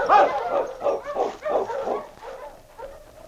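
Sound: dog barking and whimpering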